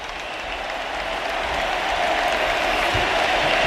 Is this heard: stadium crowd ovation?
yes